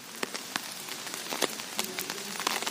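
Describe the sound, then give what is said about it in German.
Steady rain patters down, with scattered sharper drops tapping on a hard surface over a constant hiss. No voices. “Aber wir sind jetzt hier und es ist aber noch nichts weiter zu hören außer Regen.”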